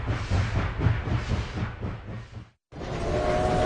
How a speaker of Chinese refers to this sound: 火车开动之后，混乱和恐惧一下子便离得远了。